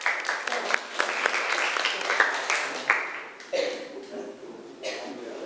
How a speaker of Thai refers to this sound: ต่อมากลุ่มสุดท้ายในวันนี้นะคะก็คือกลุ่มที่5ปรบมือให้เพื่อนหน่อยค่ะ